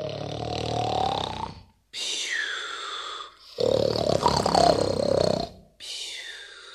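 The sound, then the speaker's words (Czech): A voice imitates the loud, exaggerated snoring of the wolf asleep in bed in the Little Red Riding Hood tale: four long, rasping breaths in a slow rhythm, forceful, with short pauses between them and no speech. “Ale za chvíli usnul a chrápal.”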